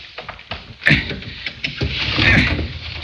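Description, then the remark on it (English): A window with its shade down being pried open with a small piece of steel: gritty scraping and creaking in several uneven bursts, growing louder and rougher toward the end as the frame strains and shifts. “Let's work on this window here and get in that way.”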